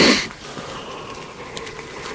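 A person yawns: a sharp, breathy intake of air at the start, then a soft, drawn-out exhale with a faint low hum of voice trailing off quietly.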